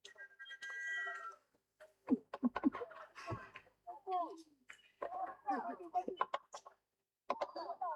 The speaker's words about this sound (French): Il y a les oiseaux là aussi qui commencent à nous montrer qu'il faut rentrer parce que c'est leur tour de pêcher maintenant.